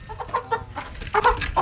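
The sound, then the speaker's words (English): Several chickens kept in a garden cluck in a quick, irregular series of short, nasal calls, with no voices and only a faint outdoor background. “an animal lover who looks after chickens in his garden and cares for goats which graze around the town.”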